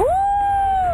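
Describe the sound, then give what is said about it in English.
A person imitates a wolf howl: one sustained, moderately loud tone that swoops upward, holds a steady pitch, then sags slightly at the end. “And a wolf?”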